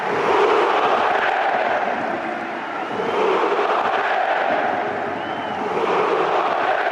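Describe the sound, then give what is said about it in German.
A large stadium crowd at Hamburger SV's last home game of the season cheers and applauds continuously as loan players Luka Vuškovic and Fabio Vieira are substituted in stoppage time, a dense, loud roar of voices and clapping swelling slightly in waves throughout. “Ja, ein verdienter Applaus.”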